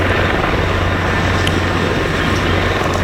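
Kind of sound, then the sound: vehicle, helicopters flying overhead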